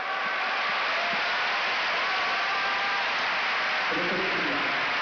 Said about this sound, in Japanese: 拍手の渦が国技館じわじわと広がっていきました。